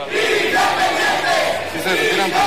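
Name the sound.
protest crowd shouting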